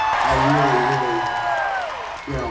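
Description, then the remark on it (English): A big concert crowd at Madison Square Garden roars and cheers without a break, a loud, dense wash of voices with individual shouts and whoops rising above it. “I haven't heard the roar of a crowd in 4 years.”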